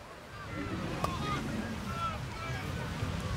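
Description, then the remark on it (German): Beach ambience at Timmendorfer Strand, Germany, on a sunny day: a steady low rush of wind and surf rolls on without a break, with faint, indistinct voices of people drifting through. “Ich bin heute an den Timmendorfer Strand gefahren, weil Tanmaxing ist das Stichwort.”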